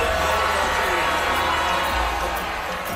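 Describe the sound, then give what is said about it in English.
A large crowd of protesters boos loudly and continuously, a dense, sustained wall of jeering voices, at a Utah county meeting on May 4th where officials voted on a proposed data center project. “Despite the booing, the project was approved unanimously.”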